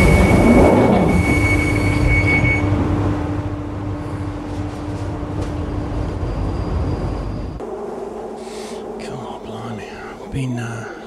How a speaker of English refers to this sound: This is a Northern Line train terminating at Morden.